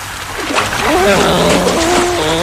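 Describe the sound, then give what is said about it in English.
A loud splash as someone jumps into the water, followed by churning, bubbling water noise with wavering vocal sounds over it. “Yeah, let's jump in the water and get a closer look at them.”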